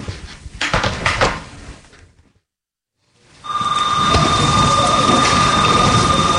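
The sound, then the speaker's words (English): A door rattles and clunks open and shut in a few quick knocking bursts, then a brief hush gives way to a steady wash of background noise with a faint sustained whine. “About to be out the door.”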